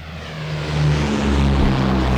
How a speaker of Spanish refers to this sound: Esos son los aviones que despegan, que no son los de ellos. No son los de ellos.